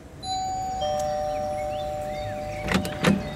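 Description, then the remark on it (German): A house doorbell rings with a two-note ding-dong chime whose tones hang and ring on, followed near the end by two short, sharp clattering noises. “Also haben wir geklingelt.”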